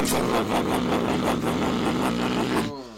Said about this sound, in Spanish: Una moto. Usted sabe que tengo un vecino que tiene una Bemba. Parece el del Batman. Ajá. Y le puso un coso ahí.